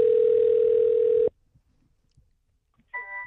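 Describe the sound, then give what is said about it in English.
A steady, low electronic ringback tone hums on an outgoing phone line calling Flynn's Towing and Salvage in New Jersey for over a second, then cuts off into near silence with faint clicks before a brief brighter sound at the end. “Hello, we got hold of Flynn's Towing and Salvage in New Jersey, open 24 hours, 7 days a week.”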